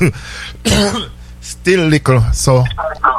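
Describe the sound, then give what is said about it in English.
Several loud bursts of coughing and throat clearing from a person with the flu, each a rough, voiced hack separated by short pauses, with a few quieter raspy sounds at the end. “We have it, so I have the throat and a little coughing and stuffing nose.”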